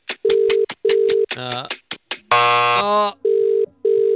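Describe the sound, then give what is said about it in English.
A phone call to a radio contest entrant in Oakhurst, Western Sydney, ringing out unanswered: steady ringback tones buzz in short repeated pairs, briefly interrupted midway by a burst of voice-like sound before the ringing resumes. “She just needed to answer her phone in 10 seconds to win.”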